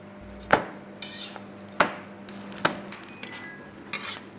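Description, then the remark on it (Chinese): Steady sizzling of flatbread frying in a hot pan at around 180 degrees, with three sharp metallic clanks of a utensil against the pan spaced through it, and no talking. “锅的温度我们调到180度左右。”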